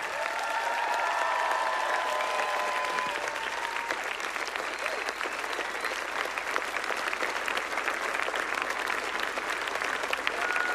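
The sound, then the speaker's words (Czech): A crowd breaks into sustained, dense applause for the event's helpers, holding steady and loud for about ten seconds, with a few voices and high cheers mixed in at the start. “Takže velký potlesk pro ně.”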